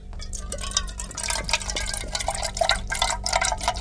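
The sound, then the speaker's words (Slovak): Liquid pours steadily into a glass, a continuous bubbling and splashing with gurgling ripples that hold at an even level for a few seconds. “No toto, vravel som si, veď v tej hadičke si dakto nalieva malinovku do pohára.”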